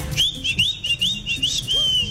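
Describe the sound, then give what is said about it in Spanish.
Someone imitates the whistled call of a street vendor who sold papitas in the Palmeras, Cerezo, Nuevo Paraíso and Fredonia area: a quick string of short, bright rising whistles in a steady repeating pattern, fairly loud, over low background rumble. “El man vendía particular, hacía chiflaba, particularmente chiflaba.”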